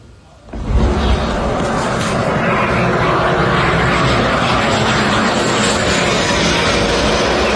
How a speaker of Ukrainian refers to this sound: І ви цей звук, напевне, не раз чули. Так працює китайський турбореактивний двигун.